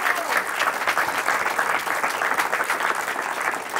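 Steady, dense applause from an audience, many hands clapping at once in a continuous bright wash that holds level for several seconds without pause.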